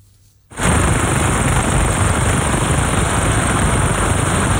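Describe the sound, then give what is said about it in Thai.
A helicopter's rotor roars, a loud, dense chopping thunder that kicks in abruptly after a brief quiet moment and holds steady throughout, with no voices, as Nepalese rescue officers rappel down from it to reach survivors stranded by flash floods. “การบันทึกภาพนาทีที่เจ้าหน้าที่เนปาลโรยตัวลงมาจากเฮลิคอปเตอร์เพื่อเข้าช่วยเหลือผู้รอดชีวิตที่ตกค้างอยู่ในพื้นที่ประสบภัยน้ำท่วมฉับพลัน”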